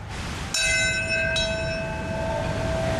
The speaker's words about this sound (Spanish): Sí, ha comenzado el acto con el himno estadounidense y a las 8:46 aquí en Nueva York exactamente han tocado la campana y ha comenzado el primer momento de silencio.